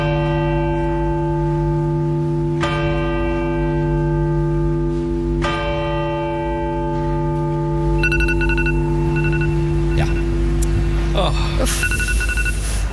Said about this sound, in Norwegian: For det var en person I den kirka. Slå den av da! Ja, den litt for lang, skjønner du. Som altså da hadde på alarm på mobilen sin klokka 13.00, og den gikk selvfølgelig av.